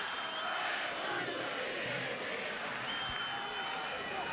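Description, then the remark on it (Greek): A large stadium crowd at a football match involving River rises up after a foul between players Miramón and Montiel, roaring and cheering in a dense, steady wash of noise, with scattered whistles and shouts rising above it, holding loud and unbroken for the whole few seconds. “Ξεσηκώνεται και το πλήθος.”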